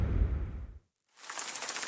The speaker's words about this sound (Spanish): La lluvia.